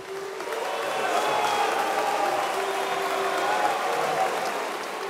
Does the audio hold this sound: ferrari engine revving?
no